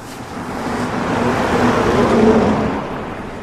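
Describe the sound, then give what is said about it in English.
A single car drives past, its broad road rumble swelling to a peak midway and then fading as it moves off, with no voices present. “There's one more car to pass by my count, and the hotel is empty.”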